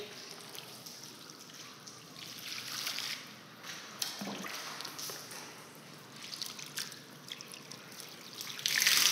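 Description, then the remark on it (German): Water pours and splashes steadily for several seconds over a person lying on their stomach, as the first step of a treatment, a soft hissing wash with uneven surges, swelling into a louder splash at the very end. No one speaks. “So, jetzt wird erst mit dem Wasser gegossen.”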